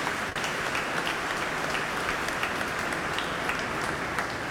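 A crowd applauds steadily, dense clapping filling the whole stretch at an even, sustained loudness with no voices standing out.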